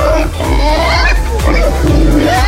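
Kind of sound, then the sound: animal, pig oinking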